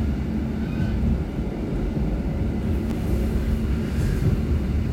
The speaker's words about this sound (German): man hört, das ist ein bisschen ältere Zugmodell, rüttelt noch ein bisschen. Wir fahren jetzt aus.